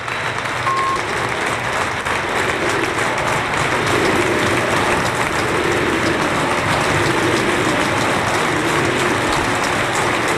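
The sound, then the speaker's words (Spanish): The crowd at the Arcángel stadium gives a sustained ovation for player Isma Ruiz as he leaves the pitch, steady applause and cheering holding at a loud, even level for about ten seconds with a dense roar of voices underneath. “Espera un momentito, así ovaciona el Arcángel a Isma Ruiz, que abandona el terreno de juego.”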